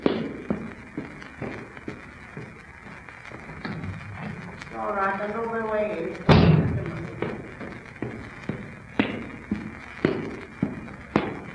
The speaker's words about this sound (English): Better go and see who's knocking at the front door. Oh my goodness, I wonder who it can be.